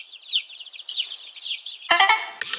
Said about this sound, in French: Ah tiens, en parlant d'œuf, voici la poule.